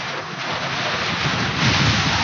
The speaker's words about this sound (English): Here it comes, the full blast of the storm.